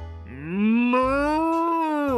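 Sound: cows mooing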